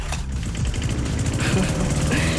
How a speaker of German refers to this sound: Das SWR 4 Sommergeräusch. Haben Sie ihn gehört? Unseren Rasenmäher, der hier einmal quer durch unseren schönsten Musikmix gebrettert ist.